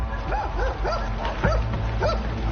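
A dog kept in the yard of a large rented factory building in Aihui District, Heihe, China, barks in a quick, steady series of about five sharp yips, moderately loud, over a constant low rumble in the background.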